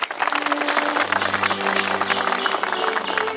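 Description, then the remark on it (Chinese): A meeting audience breaks into steady, sustained applause to approve that all of the meeting's delegates are valid, with dense overlapping claps at an even loudness throughout and a low tonal hum running beneath. No one speaks. “现在我宣布本次会议代表全部有效，请鼓掌通过。”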